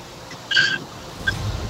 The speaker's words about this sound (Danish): Jeg kan godt høre, at jeg er et eller andet sted i en bil.